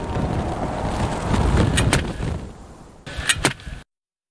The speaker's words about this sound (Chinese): 宁静的沙漠景致很快就被打破了，沙丘上的沙粒开始不停地翻滚。一场大风正在袭来。